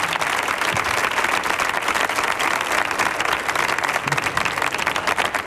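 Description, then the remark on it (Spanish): Steady, dense audience applause fills the whole stretch, many hands clapping at once in a loud, continuous wash with no voices standing out. “Digo, si aplaude uno, aplaudimos todos, porque días no bajáis, ¿eh?”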